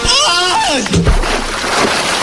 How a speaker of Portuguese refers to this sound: Depois disso, ele tibunga num açude com água gelada.